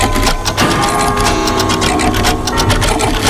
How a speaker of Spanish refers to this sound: Hombre, 230 relojes sonando todos los días, pero cada uno en su sitio. Venga, cada uno en su sitio.